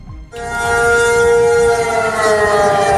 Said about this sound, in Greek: Σιρήνες αεροπορικής επιδρομής παγώνουν τις πόλεις της Ταϊβάν.